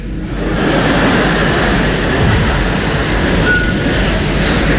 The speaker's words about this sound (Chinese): 那边火车已经离开唐山车站，驶向天津。